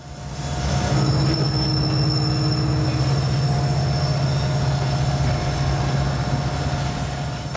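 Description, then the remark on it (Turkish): Train wheels squeal against the rails in steady high-pitched tones over a loud, continuous rumble of rolling railcars, with no voices present. “Gıcırdamayı duyuyor musunuz?”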